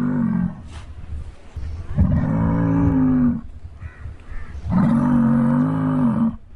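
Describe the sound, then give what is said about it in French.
A bull (ox) grunts, bellows and snorts while pawing the ground and raising dust, in deep, rough, drawn-out calls: a short one, then two long, loud groans, with breathy snorting noises in the pauses between them. No one speaks. “Ce bœuf, comme s'il lisait dans nos pensées, a gratté le sol, soulevant la poussière et a attendu l'adversaire de notre côté, de la limite, avec des grognements et des soufflements.”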